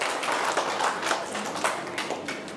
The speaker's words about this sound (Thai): เยี่ยมยอดเลยปรบมือให้ตัวเองหน่อยสิคะ